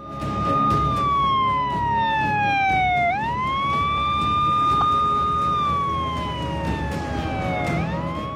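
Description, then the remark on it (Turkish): A loud ambulance siren wails steadily in the quiet town of Unaklit, its pitch sliding slowly down and then sweeping back up in long cycles over a rumbling background of road noise. “Ne yazık ki Unaklit'in güvenliği ambulans siren sesleriyle bölündü.”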